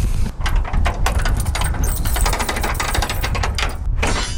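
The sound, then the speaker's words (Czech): The door of St. Florian's chapel above Moravský Krumlov being unlocked with a bunch of keys and opened on a windy day: a dense run of sharp metallic clicks and rattles from a key in the lock, fairly loud, over a steady rushing background with no voices. “Tak, dveře se nám otvírají, pojďte dále.”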